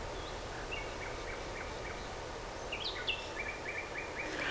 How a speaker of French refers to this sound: Des oiseaux.